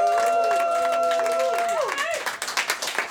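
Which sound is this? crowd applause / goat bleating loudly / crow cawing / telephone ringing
crowd applause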